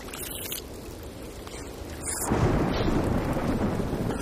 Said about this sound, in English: Oh, it would rain.